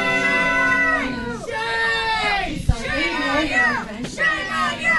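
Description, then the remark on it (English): A crowd in the room at a Clearfield County commissioners' meeting erupts in loud, overlapping shouts and jeers after a 2-1 vote approving an ICE immigration detention contract extension, many raised voices yelling at once, with a sharp knock cutting through midway. “The crowd in the room quickly reacted.”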